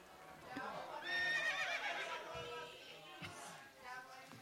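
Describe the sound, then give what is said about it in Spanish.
A horse lets out a loud, wavering whinny lasting a couple of seconds, followed by a few scattered clip-clops of hooves, with faint voices in the background. “Uy, no, me le soltó el caballo por ahí, chiquillo.”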